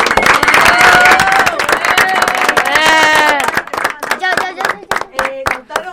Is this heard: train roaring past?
no